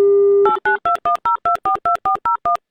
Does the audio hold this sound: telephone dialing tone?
yes